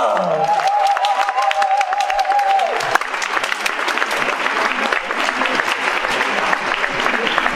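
A crowd applauds steadily and loudly, dense clapping filling the room for several seconds, with a brief sustained tone at the start and faint cheering mixed in.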